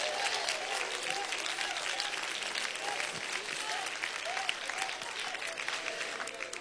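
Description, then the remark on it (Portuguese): An audience applauds loudly and steadily for Jesus, a dense wash of clapping that holds for several seconds without a break, with faint voices calling out underneath. “Pode sentar, pode sentar e louva ao Senhor com as mãos, mas dê uma salva de palmas bem forte para Jesus.”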